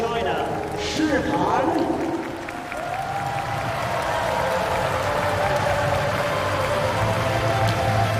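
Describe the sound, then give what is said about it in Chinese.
A large crowd at the China Open tennis tournament applauds warmly on Diamond Court, welcoming player Shihan to a women's singles match, a dense, continuous patter of clapping that holds its level for several seconds, with a voice speaking over it. “现场的观众呢也是报以热烈的掌声，欢迎诗涵呢来到钻石球场。”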